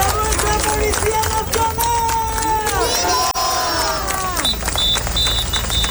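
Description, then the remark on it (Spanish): A large protest crowd that has cut traffic on the Nacional 352 chants a slogan in unison, many voices rising and falling together in a steady rhythm, loud, with a high whistle-like tone piercing through near the end. “Este es uno de los lemas que se viene escuchando desde un primer momento”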